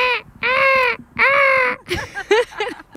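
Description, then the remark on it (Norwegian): Seagulls crying in summer: three long, loud, wailing calls, then a burst of shorter, choppier squawks, with no voices. “Bølgeskvulp og måkeskrik.”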